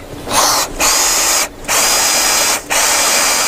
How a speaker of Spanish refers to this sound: La placa se asienta bien. La taladraste bien.